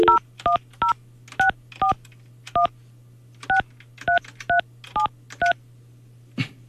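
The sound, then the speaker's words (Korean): About eleven short, evenly pitched touch-tone beeps as a radio host at Far East Broadcasting dials a listener's phone number in Daejeon, in an uneven rhythm over a steady low hum, then a soft click at the end. No one speaks. “다시 한번 제가 한번 전화 한번 해볼게요.”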